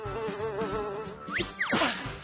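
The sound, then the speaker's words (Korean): A dung fly buzzes in flight, a steady wavering drone that swoops up and down in pitch near the end as it darts past, with no voices. “똥파리 비행사님, 저 여기서 그냥 내릴래요.”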